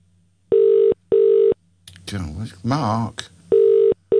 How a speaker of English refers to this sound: Oh, we're ringing it. We're just ringing him. Hold on. Let's see if he's up.